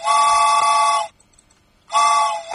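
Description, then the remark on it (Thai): A train whistle gives two long, loud blasts separated by a short pause, each a steady, brassy, high-pitched tone with no voices. “โอ้โหเสียงดังสะใจหรือยังเสียงหวูดรถไฟนะคะ”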